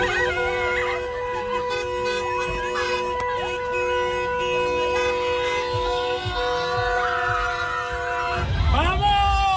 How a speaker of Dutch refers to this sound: En ook hier in Overijssel is de wereldtitel van Spanje gevierd. Op een rotonde in Enschede kwamen Spanjaarden samen met toeters, fakkels en vuurwerk.